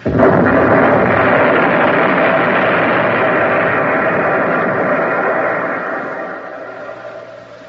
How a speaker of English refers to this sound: Everything is turned off. There isn't a sound. You count the depth charges that are searching for your back.